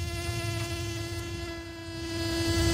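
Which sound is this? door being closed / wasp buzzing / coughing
wasp buzzing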